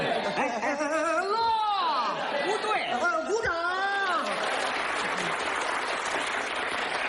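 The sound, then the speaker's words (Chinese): Audience applause swells into a steady, dense wash of clapping that fills the second half, following several seconds of voices and laughter; it is the long applause called for during a comic stage routine. “停，我们领导说了，这里是长时间鼓掌。”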